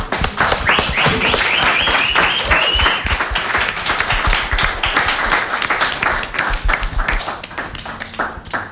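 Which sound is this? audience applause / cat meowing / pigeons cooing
audience applause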